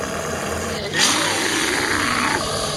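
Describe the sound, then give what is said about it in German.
A deep, rumbling bear growl swells suddenly after a brief lull and holds for a couple of seconds, loud, over a steady background hiss, for the bear beside the statue of Saint Gallus at the entrance of the Kisslegg parish church St. Gallus and Ulrich. “Das Bärenknurren noch im Ohr betrete ich die Kirche.”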